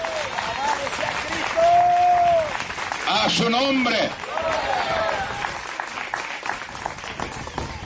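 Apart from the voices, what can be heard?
audience applauding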